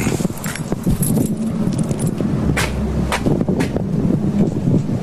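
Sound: wind blowing outdoors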